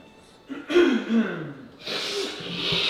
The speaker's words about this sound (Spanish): ¿Refrío, che? Refrío, tos.